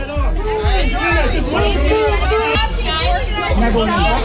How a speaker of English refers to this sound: Angelina Jolie had to put her foot down while she was signing autographs over the weekend. Crowd got a bit rowdy.